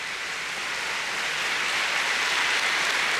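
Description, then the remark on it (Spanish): Audience applause for the blessed King at a church retreat: a dense, steady wash of many hands clapping together, holding at an even loudness throughout with no voices heard above it. “En el aplauso al Rey bendito.”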